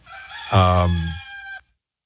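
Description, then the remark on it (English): A single loud rooster crow rings out for over a second, a harmonic cry that rises, holds, then cuts off abruptly into silence. “a lot of rooster crowing today.”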